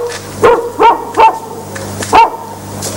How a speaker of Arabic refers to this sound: يا عيني ما أحلى الصوت. هذا مو صوت بطاح كلب الناطور؟ لا هذا ابنه بطاح.